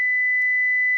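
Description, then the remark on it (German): A single steady pure sine tone at a high pitch, constant and unwavering for about a second, with no other sounds or voices. “Das ist eine einzelne Sinuswelle, 2000 Hertz.”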